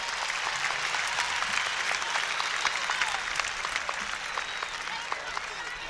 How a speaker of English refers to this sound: Let's give ourselves a great round of applause.